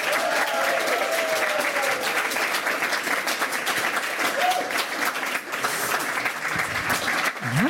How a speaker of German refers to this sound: In diesem Sinne begrüßen Sie mit einem frenetischen, von Herzen kommenden Applaus